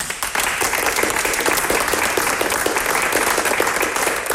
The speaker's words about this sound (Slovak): Ja som nemal v pláne túto pieseň spievať, som si myslel, že bude to pre deti ťažké, ale naozaj na to, že sme to robili krátko, tak túto pieseň, tak zaspievali ju krásne. Zaslúžia si veľký potlesk.